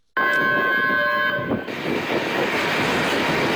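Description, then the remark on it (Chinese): A loud, sustained train horn blares for over a second as the Hongqiqu red tourism train slowly pulls into Hongqiqu Station at 4:56 pm, then gives way to a steady, heavy rumble of the train rolling in. “下午4时56分，伴随着悠长的鸣笛声，红旗渠号红色旅游列车缓缓驶入红旗渠站。”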